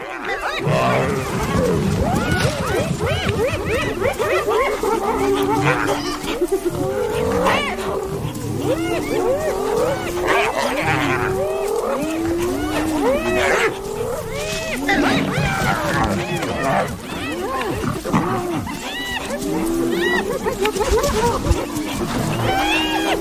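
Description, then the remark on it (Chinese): Spotted hyenas and a lion clash over a kill, the hyenas trying to drive the lion away from its prey: a loud, nonstop chorus of rising hyena whoops and cackling giggles mixed with deep lion growls and snarls. “斑鬣狗铁了心要抢走狮子的猎物。”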